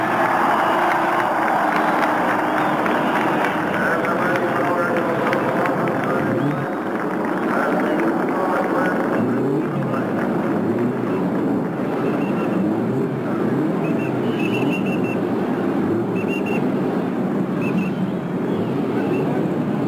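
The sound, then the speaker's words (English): A massive, continuous roar of many race car engines starting at a race after Tony Holman's command "Gentlemen, start your engines!", loud and dense, rumbling steadily for the whole stretch with a crowd's noise blended into the din. “Four words from one man will transform this quiet lull into a multitudinous roar.”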